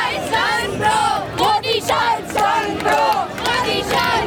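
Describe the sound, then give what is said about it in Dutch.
A crowd of young people in India chants the name of politician Rahul Gandhi in loud, rhythmic unison, the same shouted phrase repeating roughly every second with rising and falling voices over a steady roar. “Maar hier roepen jongeren weer om de naam van Rahul Gandhi.”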